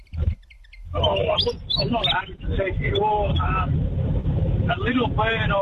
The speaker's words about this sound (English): Oh, I'm not 100% sure. A little bird, I think, willy wagtail. Yes, well done, you. It is a willy wagtail.